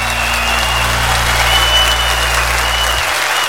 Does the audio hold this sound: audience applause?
yes